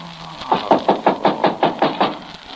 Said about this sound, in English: Somebody at the door. Better be quiet.